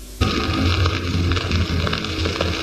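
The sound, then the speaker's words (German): A dark, ominous horror soundscape with fire and church bells kicks in abruptly: a steady roaring, crackling blaze over a deep rumbling drone, dense and loud throughout, with faint ringing bell tones buried in the mix. “das ist eine Mischung aus Horror, Feuer, Dante, Inferno, Doom 3, Massaker. Glockenspiel, Kirchenmusik”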